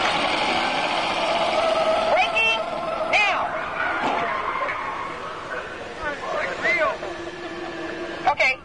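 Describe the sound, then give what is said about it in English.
A car without anti-lock brakes brakes hard at a row of cones with its wheels locking, tires squealing and warbling in bursts over a steady engine and road rumble, fairly loud, with muffled voices in the cabin. “Okay, I'm going to take you right up to the cones, hit the brakes, and see if I can steer you through.”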